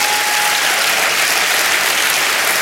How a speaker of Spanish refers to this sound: ¿Alguien me dice amén? Vamos a darle palmas al Señor.